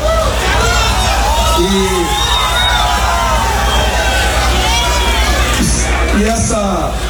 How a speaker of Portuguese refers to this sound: Eu já faço aqui o link com o Caiado, porque vocês começaram a gritar ministro aí, né?